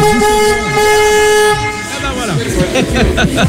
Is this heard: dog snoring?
no